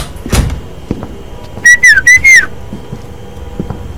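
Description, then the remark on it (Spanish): A person arriving whistles a short, bright phrase of about four quick rising and falling notes, clear, preceded by a brief thump and faint background noise. “Hace cuánto que no llegaba chiflando así.”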